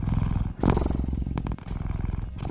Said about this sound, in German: Neben lautem Miauen, um wahrscheinlich auf den leeren Futternapf aufmerksam zu machen, geben Katzen dann auch gerne mal einen tiefen, vibrierenden Brummton von sich.